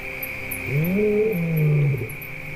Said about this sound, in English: Hearing a lion roar in the distance, the hyena prefers to move away.